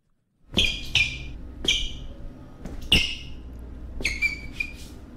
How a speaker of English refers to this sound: How do I get my shoes to stop squeaking in the office hall? It's annoying my co-workers.